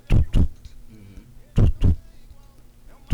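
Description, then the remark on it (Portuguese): A voice imitates a normal, steady heartbeat, making paired low thumping beats, lub-dub, repeated in an even rhythm and fairly loud, with no other talking. “Aqui é o batimento cardíaco normal.”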